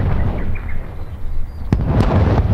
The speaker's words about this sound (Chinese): 不是，你们听东边这个炮声可一直都没停过呀，肯定是新四军的主力部队跟小鬼子接上火了。